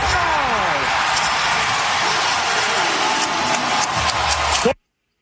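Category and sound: crowd, loud basketball arena crowd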